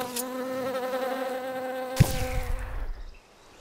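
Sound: buzzing bees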